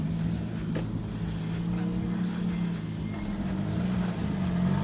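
A Skoda rally car engine drones steadily as the car approaches the control zone, its low rumble holding a constant loudness throughout. A faint, regular ticking sounds above it, and no one speaks.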